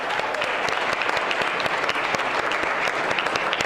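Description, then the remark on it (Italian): A crowd from the diocese of Trapani, Sicily, claps steadily for Sicily throughout, a dense, sustained wash of many hands with scattered sharper claps standing out, fairly loud, with no voices over it. “Fate un applauso alla bella Sicilia.”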